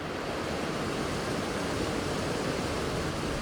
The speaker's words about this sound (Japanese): 前方から轟音が聞こえてくる。近づくほどその音は大きくなっていきます。そして目の前には白い水の壁、滝です。